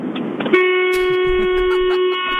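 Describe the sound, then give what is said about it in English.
A single long, loud car horn blast, held steady for about one and a half seconds before cutting off, with some muffled background noise underneath. “Give us a honk on the way out, please.”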